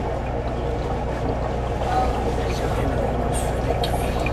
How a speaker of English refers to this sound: This is the Bubble Rover device. It's got about a 4-foot bubble tube here filled in with water. And as you can see, the bubbles can circulate through there, adding to some auditory stimuli for the patient.